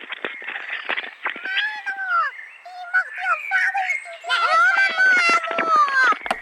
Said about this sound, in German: Wissen Sie eigentlich, dass hier auch im Mansfelder Land die Vögel auch Dialekt pfeifen? Wenn Sie mal richtig hinhören, ich halte mal das Telefon ran, Mana.